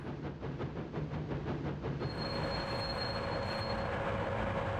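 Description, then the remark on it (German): A computer-simulated train on a recreated former railway line rumbles past with steady low-pitched rolling noise, rhythmic wheel pulses early on, then a thin high squeal of wheels riding over the continuous roar. No voices are heard. “Man kann selber den Lokführer spielen oder man kann einfach den Zug an sich vorbeiziehen lassen und denken, ja, 40, 50 Jahre zurück, da muss es ungefähr so ausgeschaut haben.”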